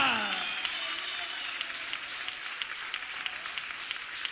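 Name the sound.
audience applause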